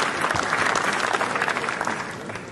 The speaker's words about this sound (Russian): Фильм был встречен 10-минутной овацией, а вот что сказал Андрей Звягинцев сразу после премьеры.